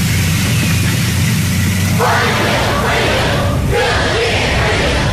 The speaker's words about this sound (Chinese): 人民大会堂北门外，礼宾分列道路两侧，青少年热情欢呼致意。